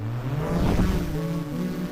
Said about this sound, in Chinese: 无人机听我指令，起飞。